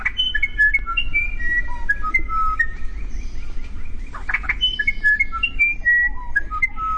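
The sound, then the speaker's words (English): A South American musician wren sings a long series of clear, pure whistled notes at shifting pitches, some sliding up or down, with a soft low rumble of background noise underneath. “It's a tough decision, but many would choose South America's musician wren.”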